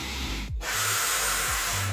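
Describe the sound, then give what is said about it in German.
A steady hiss of helium gas rushing out as someone sucks it in from a balloon, broken by a brief pause before a second long draw. No one speaks. “Nicht nur die an der Decke fliegenden Ballons zum Geburtstag, sondern auch, wie man klingt, ne, wenn man das Zeug einatmet.”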